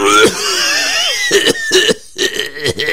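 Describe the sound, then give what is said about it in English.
A raspy voice of a tired frog in a murky stream gives a strained, drawn-out groan followed by several quick, harsh coughs in an uneven burst, loud with no other sounds. “And then came a cough from a tired-looking froggy.”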